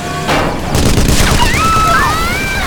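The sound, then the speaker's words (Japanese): A loud burst of gunfire from pirates in an ambush opens into a dense, continuous volley of shots fired at random, with high whistling streaks zipping through the racket near the end. “発砲、海賊、白鵬の差し金。”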